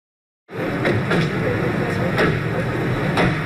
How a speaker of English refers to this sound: Everyday sounds of car doors opening and men chatting. But the news video from 1995 shows a scene far less ordinary. Serbian President Slobodan Milosevic arriving at a historic meeting on a U.S. Air Force base near Dayton, Ohio.